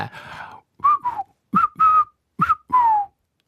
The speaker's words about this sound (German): Okay, wir sind nicht so gut im Pfeifen.